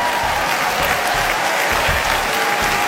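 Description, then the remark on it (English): Loud, sustained audience applause, a dense crackle of many hands clapping at once, steady in volume throughout with no voices standing out. “It's a huge applause.”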